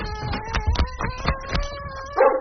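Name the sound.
dog barking and howling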